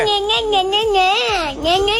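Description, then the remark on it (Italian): A child cries loudly in one sustained, wavering wail, the pitch rising and falling, with a brief catch of breath before the sobbing resumes. “Dagli quell'aggressivo, scatena il bimbo.”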